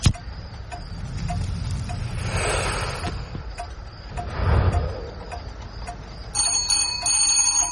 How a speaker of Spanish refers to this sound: Alguien hizo sonar el timbre.